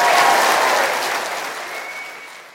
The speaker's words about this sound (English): So let's give her another round of applause.